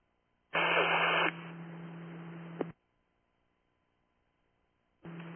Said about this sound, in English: Two, three, five, that was static.